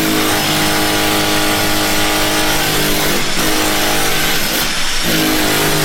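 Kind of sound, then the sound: tool, power drill running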